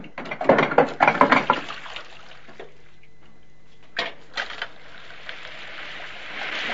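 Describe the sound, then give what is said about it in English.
Water splashes and gushes in uneven bursts from a hand-action water pump into a metal bowl, filling it with cold water, followed by a few clanks and a steady hiss of running water, with no talking. “rushes over to a hand-action water pump and fills a metal bowl with cold water.”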